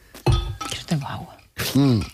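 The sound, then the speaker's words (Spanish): A few light glass clinks ring out mixed in with people talking, as glasses are handled while someone drinks water during a hydration pause on a radio show. “Bueno, dicho esto, y antes de pasar a lo siguiente, pausa de hidratación. 5 segundos de silencio y beber un poco.”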